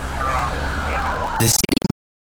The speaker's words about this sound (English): Lights flashing. Sirens on.